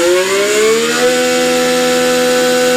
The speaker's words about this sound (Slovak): Takto zneli motory vo Formule 1, keď naposledy vyhral Talian Ludovico Scarfiotti veľkú cenu na Monze.